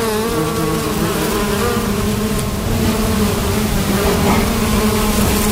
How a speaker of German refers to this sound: Im Hochsommer. Sie sind gar nicht willkommen an den allermeisten Tischen. Und eben gerade im Sommer kommen dann doch die Wespen.